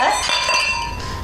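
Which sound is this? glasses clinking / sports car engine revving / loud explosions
glasses clinking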